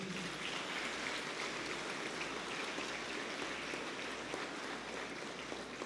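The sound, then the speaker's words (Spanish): A crowd at a Catholic Mass applauds steadily for about six seconds, welcoming members of the youth pastoral ministry, a dense, even crackle of many hands clapping at a constant loudness, with no pauses and no clear voices standing out. “También un fuerte aplauso para ellos.”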